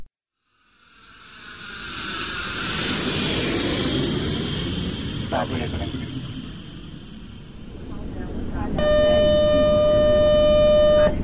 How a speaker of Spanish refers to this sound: La ambulancia.